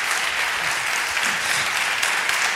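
A crowd applauds after a live music performance, a dense, loud wash of many hands clapping at once with no pauses, holding an even level throughout.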